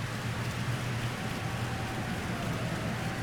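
A crowd at a gathering claps loudly and steadily in thanks, a dense, even wash of crackling hand claps with no break and no voices over it.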